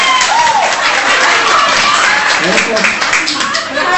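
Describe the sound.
A loud, steady wash of crowd applause fills all four seconds, mixed with shouting and cheering voices from the audience.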